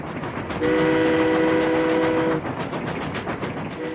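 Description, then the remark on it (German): A steam train rumbles steadily along the rails, and a long, loud whistle blast sounds for nearly two seconds over the clatter before the rolling noise carries on alone. “Es gab da eine höchst aufsehenerregende neue Erfindung namens Eisenbahn.”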